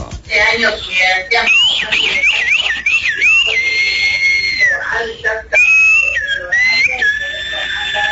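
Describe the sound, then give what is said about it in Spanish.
A man whistles loudly, sliding between pitches and holding long, steady notes in a tune-like run, with a brief vocal sound near the start. “Y aquí mi amigo que siempre, siempre nos manda su silbidito.”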